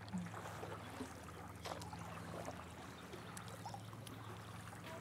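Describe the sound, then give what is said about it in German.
Soft, steady water sounds from a boat being paddled on calm water at sunset on the Unterbacher See in Unterbach, with gentle splashes and trickles over a low, constant hum in the background. “Wir paddeln jetzt einfach mal hier in den Sonnenuntergang von Unterbach.”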